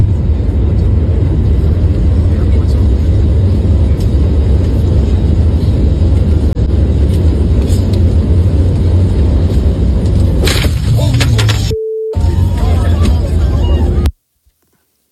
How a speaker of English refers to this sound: They're filming, and you'll see this happen to the engine. Now, of course, you don't know what has transpired. You just go, oh, my God, the engine blew up.